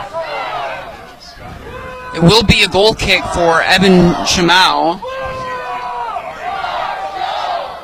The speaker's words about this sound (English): And you can hear this crowd. This is the liveliest they've been all night.